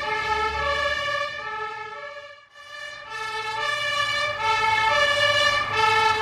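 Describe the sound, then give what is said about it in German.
A fire engine siren wails loudly and continuously, its tone sweeping up and down, with a low engine rumble underneath and a brief dip around the middle, as the engine drives out onto the A1 motorway to a crashed tanker truck with burning petrol. No one speaks. “Jetzt geht es los. Wir fahren auf die Autobahn A1. Ein Tankwagen ist verunglückt. Benzin brennt.”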